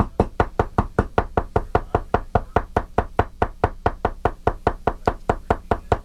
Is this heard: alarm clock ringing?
no